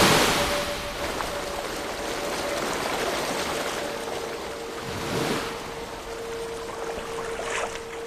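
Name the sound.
ocean surf waves breaking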